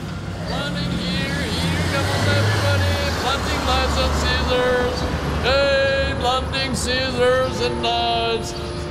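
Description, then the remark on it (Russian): A knife grinder's drawn-out street cries offering to sharpen knives and scissors, on a street in a small Cotswolds town in Gloucestershire, England, sung in wavering, rising and falling calls, repeated several times over a steady low rumble of passing traffic. “И лакомясь фиш-энд-чикеном в уютном кафе маленького городка Котсвольд, я чуть не поперхнулся, услышав на улице вот эти возгласы.”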